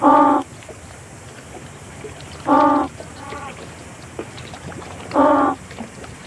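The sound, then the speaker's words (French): Penguin calls played from a loudspeaker during an acoustic playback experiment at sea: three loud, harmonic, braying bursts at regular intervals, with fainter answering calls from the group of penguins being tested in between, all over a steady background hiss. “on entend le groupe de manchots qu'on était en train d'observer et de tester répondre”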